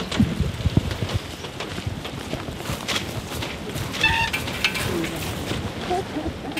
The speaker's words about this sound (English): Now, even though it's raining,